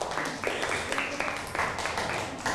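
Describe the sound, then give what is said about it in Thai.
Students in a classroom clap together for a classmate who has just presented on offering food to monks, a steady burst of applause for a couple of seconds, dense overlapping claps with a faint murmur of voices mixed in. “นั่งลงได้ปรบมือให้เพื่อนหน่อยครับ”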